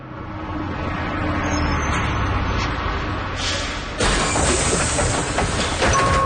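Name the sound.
bus pulling up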